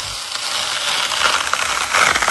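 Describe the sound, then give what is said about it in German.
A juicy watermelon being cut in a video on Instagram, a steady, fairly loud stream of crisp crackling and wet crunching that swells slightly toward the end, with no voices. “Aber ey, da war gerade ein Video von so einer juicy Wassermelone. Hört mal den Sound.”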